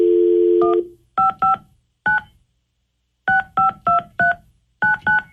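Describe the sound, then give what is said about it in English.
A steady dial tone cuts off, followed by about ten crisp telephone keypad tones punched in quick bursts with short pauses between groups, clear with no voices, as a call is placed to a man on the 102.5 KDON radio show during a War of the Roses segment. “Let's go ahead and get Anthony on the phone.”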